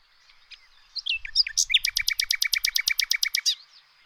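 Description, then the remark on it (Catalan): A nightingale sings loud: a few varied whistles and chirps, then a rapid, even run of about fifteen bright repeated notes ending in a short flourish, with no voices. “Un ocell mal de veure, però amb un cant vigorós i musical.”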